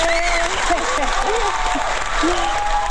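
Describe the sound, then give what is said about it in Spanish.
A crowd applauds steadily, a dense wash of clapping filling the whole moment, with cheerful voices and whoops rising over it. “¡Ah, démele un aplauso”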